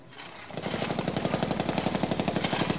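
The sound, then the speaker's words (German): A jackhammer on a construction site where a clinic is being built starts up after a brief quiet moment. It pounds steadily and loudly in rapid, evenly spaced bursts, with no voices over it. “Jetzt bauen sie da schau wie Treppes nah.”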